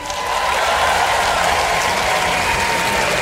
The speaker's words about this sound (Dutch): Dus dank jullie wel. Een groot applaus voor jezelf.